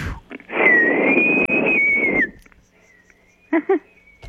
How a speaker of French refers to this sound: j'appelle qui, moi, là, avec ça? C'est la grande question, je te dirais. Qui c'est que t'appelles en sifflant de même